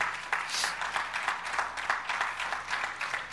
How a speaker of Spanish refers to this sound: Óigame, denle un aplauso al Señor.